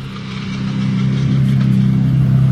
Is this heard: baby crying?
no